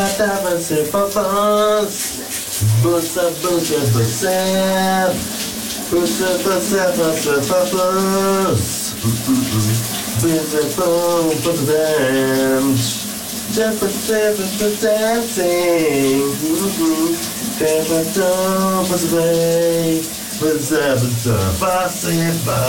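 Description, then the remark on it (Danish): A colleague sings a continuous melody during a morning shower while a steady hiss of running shower water pours underneath, loud and unbroken from start to finish. “hvordan det lød, da vores kollega … sang dagens brusebad sit for Pernille i morges”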